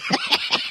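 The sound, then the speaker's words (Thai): A sports commentator's stomach growls during live football match commentary in a brief gurgling rumble, three quick pulses in under a second, moderately loud with no talking over it. “เสียงท้องร้องผมเข้าใหม่ป่ะครับเมื่อกี้ดัง โอ้ตกใจเลย”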